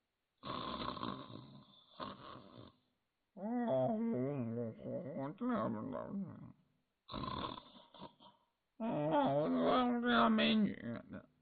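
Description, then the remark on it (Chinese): A man's voice imitates loud snoring: four long snores alternate between rough, raspy breathy rattles and droning, voiced groans that waver in pitch, with short pauses between them. “到这里甭问别的，马上就能听到这武重归在里面呼噜声震天呐。”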